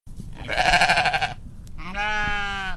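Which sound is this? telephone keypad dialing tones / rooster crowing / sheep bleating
sheep bleating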